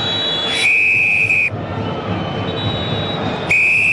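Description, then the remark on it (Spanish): A referee's whistle shrills in a sustained one-second blast ending the first half of a Copa Chile football match at the Claro Arena, then sounds again near the end, both loud, over a steady roar of stadium crowd noise. “Pitazo final, suena el silbato de Carvajal”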